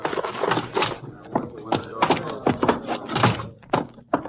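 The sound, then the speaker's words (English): A door is handled and opened as men carry a heavy person inside, with a quick series of knocks, thumps and wooden clunks amid shuffling movement, fairly loud. “I'll get the door for you.”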